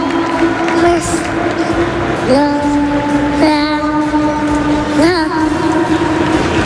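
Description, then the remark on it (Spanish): A dense crowd at Real Madrid's Bernabéu stadium roars steadily throughout, a continuous wash of cheering and clapping as captain Dani Carvajal is honoured, with a sustained tonal note that shifts pitch a few times above the din. “Hay mucha gente todavía en el estadio y están hablando.”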